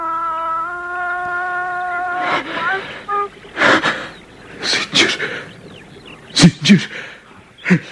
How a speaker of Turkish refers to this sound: Allah Allah, Allah Allah, boğuluyor sanki, nefes alamıyor.